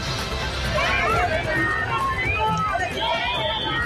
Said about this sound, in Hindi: भगवान जगन्नाथ की जो प्रतिमा है वो सामने है और जो यहाँ पर दर्शकों की भीड़ है, श्रद्धालुओं की भीड़ है, वो सैकड़ों नहीं हजारों नहीं जबकि लाखों में यहाँ पर है।